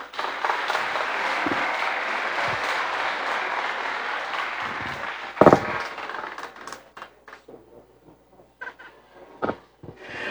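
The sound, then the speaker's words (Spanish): An audience applauds the vice-prefect's report at a provincial government event, in a dense, steady burst of clapping that thins out after about six seconds into scattered, individual claps and a few sharp, louder hand slaps. “Vengo una vez más el aplauso, venga ese cariño por ese trabajo a lo largo y ancho de nuestra provincia.”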